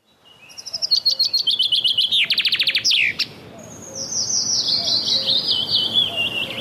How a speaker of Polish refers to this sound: Zięba. Nie większa od wróbla. Pięknie ubarwiona. Skrzydła czarne z dwiema białymi pręgami. Kuper zielonkawy. Jej dźwięczny śpiew można usłyszeć dosłownie wszędzie, gdzie rosną duże drzewa.